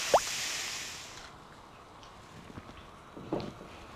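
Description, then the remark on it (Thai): Thick coconut milk pours into a pan of cooked curry paste with a soft rushing hiss for about a second, followed by a quiet stretch of faint drips and small kitchen clatters. “ใส่กะทิแล้วเราก็มาเตรียมอาหารทะเล”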